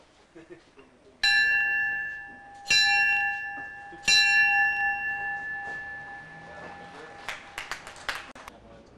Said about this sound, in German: Ich eröffne hiermit mit die Gewerbemesse mit 3 Glockenschlägen.